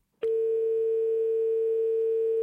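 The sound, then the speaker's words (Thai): A steady, continuous telephone line tone starts abruptly after a brief silence and holds unbroken at an even, fairly loud level, like a dial tone on an incoming phone call that didn't connect. No voices. “เอาใหม่หน่อยเดี๋ยวโทรมาใหม่นะครับ”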